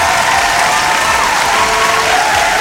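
A crowd applauds steadily and loudly, dense clapping sustained throughout without a break, with a faint murmur of voices underneath.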